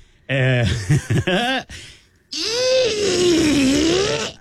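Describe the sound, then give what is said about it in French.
A voice imitates a chair scraping backward during a sound-guessing game: two bursts of strained, wavering vocal noise, then a longer grinding drone that dips and rises in pitch, fairly loud and without words. “C'est une chaise qui oui! recule!”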